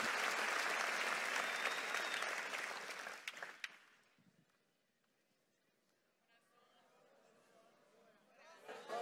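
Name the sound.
audience applauding loudly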